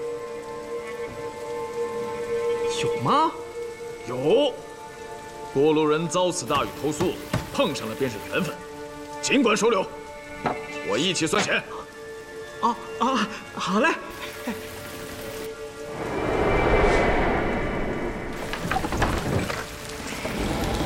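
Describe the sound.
Heavy rain pours steadily throughout with a dense, hissing wash. Voices murmur over it, and the downpour swells louder toward the end, with a low rumble like thunder.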